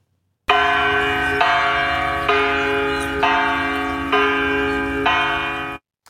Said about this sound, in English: No, your eyes were not deceiving you. That was a naked woman swinging in a bell. Why? To draw attention to climate change, apparently.